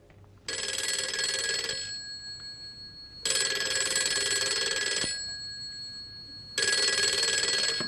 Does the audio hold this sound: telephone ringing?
yes